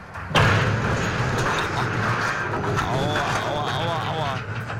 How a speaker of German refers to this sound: Ja, so klingt es, wenn ein Frachtschiff bei Niedrigwasser einen Anleger rammt und abreißt.